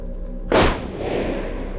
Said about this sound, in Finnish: Jokainen Simon kiväärin laukaus on pitkän odotuksen ja huolellisen valmistelun tulos. Hän söi välillä lunta sitten pahimpaan janonsa ja siihen, että hän piti lunta suussa, jotta ei vihollinen näe, kun hengityshöyryt tulee silloin, kun hän ampuu.